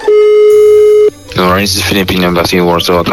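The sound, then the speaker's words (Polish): A single steady, mid-pitched telephone ringing tone sounds for about a second, then cuts off as a voice begins speaking; Radio Z is placing a call to the Embassy of the Philippines in Poland. “No i dzwonimy do ambasady Filipin w Polsce, żeby przeprosić za to, że pan prezydent zachował się, jak się zachował.”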